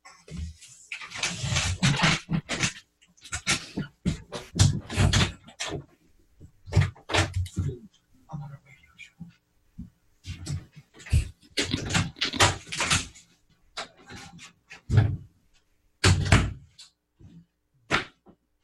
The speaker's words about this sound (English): There was knocking at my door.